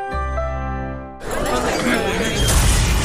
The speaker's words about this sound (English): Seems a rogue space capsule just crashed this party, Jax.